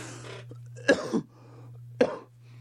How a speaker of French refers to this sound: Pardon, j'ai toussé en ondes